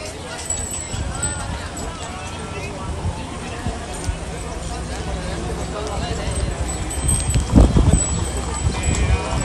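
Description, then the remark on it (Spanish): Horse hooves clip-clop over a steady outdoor crowd murmur as riders dismount from their horses so they can board, while brotherhoods from the province of Cádiz pass by with a cart. Several animals move at once, with a louder cluster of hoof strikes near the end. “Pues estamos viendo cómo se van bajando ya los jinetes de sus caballos, porque se tienen que bajar para poder hacer ese embarque, cuando sigue avanzando de nuevo esta carreta del sin pecado.”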